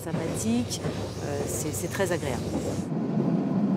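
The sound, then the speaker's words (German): Steady rumble and rattle inside a passenger train in motion on a 40-minute ride along the Côte Bleue near Marseille, France, with muffled voices of passengers chatting beneath the continuous rolling noise. “Man sitzt 40 Minuten im Zug, plaudert mit sympathischen Menschen.”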